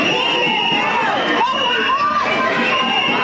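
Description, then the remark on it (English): A large, agitated crowd of frustrated community members storms the auditorium at a Thursday town hall meeting in Boyle Heights, with loud, overlapping shouts and chatter, a dense, unbroken roar of many voices. “Frustrated community members storming the auditorium.”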